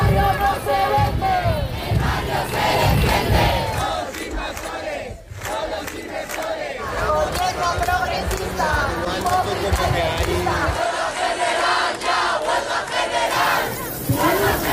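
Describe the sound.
A large housing protest crowd in central Madrid, Spain, put at 500,000 by organisers and 70,000 by the government delegation, jingles keys in a dense, continuous metallic shimmer, with shouting and chanting voices mixed in underneath, staying loud throughout with a brief dip midway.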